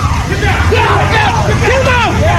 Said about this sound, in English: There you saw what happened. The crowd calling to the president as he emerged from the Washington Hilton Hotel.